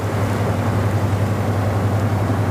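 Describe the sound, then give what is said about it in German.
A steady, low diesel engine drone from a cargo barge chugging past on the Rhine, with a constant humming throb and broad rumble holding even and fairly loud throughout, no voices. “und der Lastkahn vorbeigetuckert ist, dann weiß man, warum es am Rhein so schön ist.”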